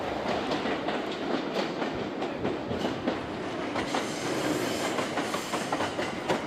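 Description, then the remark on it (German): A Shinkansen high-speed train serving Kanazawa runs steadily, a loud continuous rushing roar with faint rhythmic clicks and clatter from the wheels throughout. No voices. “Auch der Shinkansen-Hochgeschwindigkeitszug fährt Kanazawa inzwischen an.”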